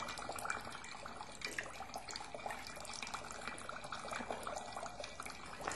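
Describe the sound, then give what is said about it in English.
Water runs steadily from a tap, a continuous hissing, splashing rush with no pauses, fairly quiet, with no voices over it. “What you will do when the water is not flowing?”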